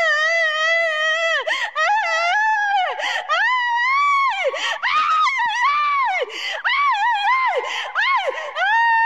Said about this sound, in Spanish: No se asuste, son liberaciones que están haciendo aquí hoy día, viernes. Viernes 23 de enero de este año 2026, aquí en la iglesia Pentecostal La Cosecha, aquí en Olmos. ¿Qué te está pasando, Satanás? ¿Qué gritas?